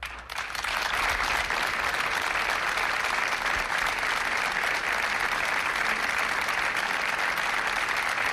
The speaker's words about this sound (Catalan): Són els aplaudiments que han trencat el minut de silenci que Roda de Barà, el tarragonès, ha dedicat aquest vespre a les dues dones que han mort a causa dels aiguats de dissabte.